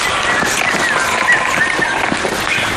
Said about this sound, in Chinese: 哇，下雨好冷。